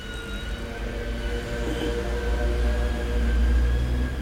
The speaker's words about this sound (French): On entend une sirène. On ne voit pas encore ce que c'est.